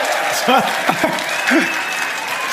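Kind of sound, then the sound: crowd, audience applause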